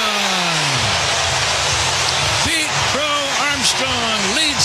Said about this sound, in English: The first inning with a long home run, his 34th of the year. Listen to this crowd.